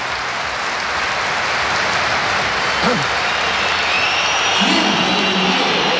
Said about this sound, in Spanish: Muchos pitos, ¿eh? Han queda claro, ¿no? Esta es la respuesta de Kylian Mbappé a la pitada.